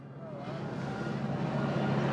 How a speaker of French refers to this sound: On entend d'ailleurs et on aperçoit l'hélicoptère qui survole désormais la zone. Preuve que quelque chose se prépare, que cette déambulation, cette papa mobile va bientôt passer sous nos yeux.